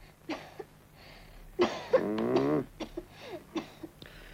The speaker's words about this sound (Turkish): Derin nefes al bakayım yavrum. Öksür çocuğum bakayım.